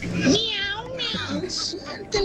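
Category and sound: animal, cat meowing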